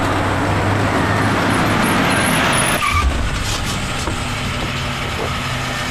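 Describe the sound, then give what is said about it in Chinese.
A car engine roars steadily with broad road noise for a few seconds, then cuts down abruptly as the vehicle stops, leaving a quieter idling hum. “你拦我车干什么？”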